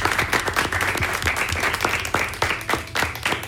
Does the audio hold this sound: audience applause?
yes